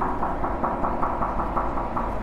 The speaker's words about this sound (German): ist auch Kunst, wenn die Sound macht. Vor allem, wenn man dagegen klopft.